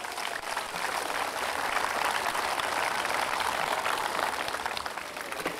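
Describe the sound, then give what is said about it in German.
A crowd claps steadily for several seconds, a dense, even patter of many hands with no voices on top, fading a little toward the end. “Okay, gibt's auch einen Applaus, oder?”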